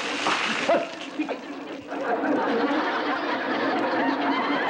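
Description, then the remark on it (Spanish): Water that is no longer needed is thrown out, splashing and sloshing in a steady, fairly loud wash of noise, with excited voices and brief laughter mixed in. “Perdóneme usted, pero es que, mire, estábamos tratando de tirar el agua que ya no sirve, ¿me entiende?”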